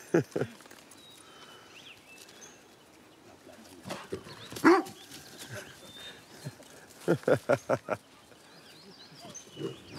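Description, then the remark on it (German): A dog barks in scattered sharp bursts, including a quick run of four barks, during a demonstration with a tame wild boar, against a quiet outdoor background with faint rustling. “Da sagt der Hund, wo es lang geht, was?”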